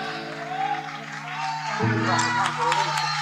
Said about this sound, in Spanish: Muchísimas gracias. Fuerte el aplauso para esta banda.